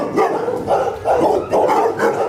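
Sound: dogs barking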